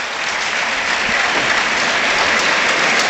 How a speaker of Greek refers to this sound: Και πάλι ο κόσμος του Παναθηναϊκού το χειροκροτεί.